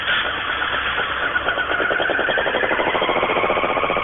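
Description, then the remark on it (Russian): A Honda motorcycle engine runs steadily with a dense, buzzing idle, its rapid pulsing rhythm quickening slightly as the revs rise toward the end. No one speaks. “Забыл, надо еще, сейчас Хонда будет.”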